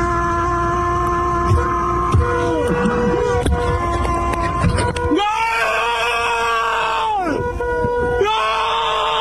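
A man screams excitedly at full volume in long, strained, wavering yells, intense, with a few sharp breaks between cries and noisy background clatter underneath, standing on top of a car while filming.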